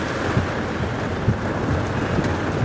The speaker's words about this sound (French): Bon, on est vraiment au cœur de l'orage. Hein. Ouais. Là, il y a la pluie, le vent, les éclairs. Là, on voit plus rien. Hein. On voit vraiment. En plus, t'as des coups de foudre qui tombent devant.